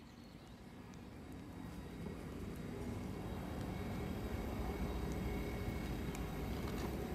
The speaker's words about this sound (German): Es ist 11:15, das heißt, hier in Basel fahren jetzt gleich die Züge ein. Wie immer zur vollen Stunde und alle ungefähr gleichzeitig.